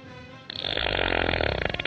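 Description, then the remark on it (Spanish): A man lets out a loud, drawn-out burp lasting well over a second, with a rough, rattling, pulsing texture that starts abruptly after a brief quieter moment. No one speaks. “Un hombre se enfrenta a una condena por su hábito de eructar y escuchar música.”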